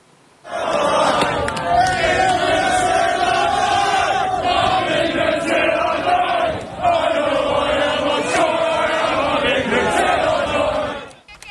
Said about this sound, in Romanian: Echipați cu hanorace și cagule negre, oamenii și-au strigat nemulțumirea față de migranții ilegali.